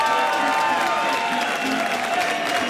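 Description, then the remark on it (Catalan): An audience applauds the real instruments being set up, steady dense overlapping claps and a few faint cheers, holding at an even loudness throughout. A thin sustained tone hums beneath the clapping. “Sisplau, un aplaudiment pels instruments de veritat, sisplau, per aplaudiment, sisplau!”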